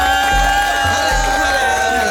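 A loud, continuous roar of crowd cheering and shouting as a rapper is introduced on stage at a live show fills the whole stretch, layered over steady sustained musical tones and a few deep low thumps.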